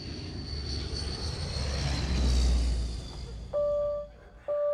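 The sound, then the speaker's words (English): A big jet aircraft roars past overhead, its broad rushing noise swelling to a loud peak and then fading away, followed by a couple of short steady tones near the end. “Big jet, man.”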